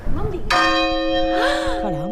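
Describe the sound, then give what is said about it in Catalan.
A single strike of Caterina, the medieval church bell from 1305 at the Micalet, rung live: a loud clang at once followed by a long ringing hum of steady overtones, with people talking underneath. “Acabem d'escoltar en directe la Caterina hacia el Micalet.”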